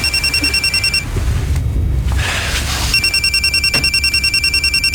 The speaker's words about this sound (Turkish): Telefon çalıyor.